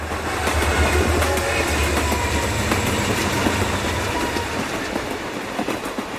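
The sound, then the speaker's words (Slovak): A train rolls steadily along the rails during a train ride, its wheels clattering in a continuous rhythmic clickety-clack over a low rumbling hum, with no voices. “Aby sme všetko dopravili k majstrovi, zopakovali sme si vzrušujúcu jazdu vlakom a autom.”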